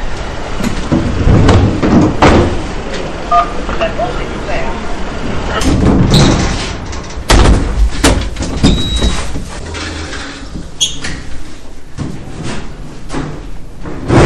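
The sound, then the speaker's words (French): A door, opened via an intercom so workers from the company Elise can go up, is opened and shut with a few sharp clunks and rattles amid steady background noise, while people talk. “Donc là, on se présente à l'interphone pour qu'il puisse nous ouvrir la porte pour monter.”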